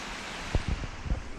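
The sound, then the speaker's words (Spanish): Steady, hissing rush of flowing river water, heard from a bridge linking a spa with gardens across the river, continuous and fairly soft, with a few brief low rumbles like wind buffeting the microphone partway through. “sobre el puente que unía el balneario con los jardines, al otro lado del río, escuchamos el sonido del agua.”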